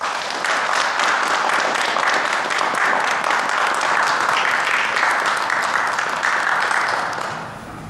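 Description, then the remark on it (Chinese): Loud, sustained applause from a large crowd of senior cadets welcoming new cadets, dense rapid clapping that holds steady for about seven seconds before tapering off at the end. “现在我建议老学员以掌声欢迎新学员。”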